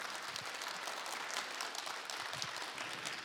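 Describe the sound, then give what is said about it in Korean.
Steady applause from an audience after a musical performance fills the whole stretch, a dense wash of many hands clapping at an even level with no voices standing out. “네, 멋진 연주를 해준 김동건 씨에게 다시 한번 큰 박수 부탁드리겠습니다.”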